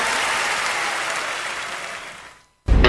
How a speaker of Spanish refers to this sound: favor, fuerte el aplauso.